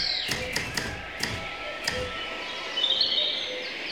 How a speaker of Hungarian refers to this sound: Kertben. Énekes madarak hangja szól. Fi-i-i. Pitty. Pitty. Pili.